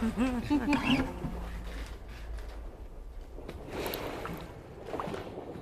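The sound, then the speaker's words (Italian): Sea waves wash in a steady, hissing rush that swells gently a couple of times, heard at the close of a music track, opening with a brief burst of high, squeaky warbling sounds over the surf. “Abbiamo sentito, ascoltato anche il rumore del mare in conclusione di questo brano”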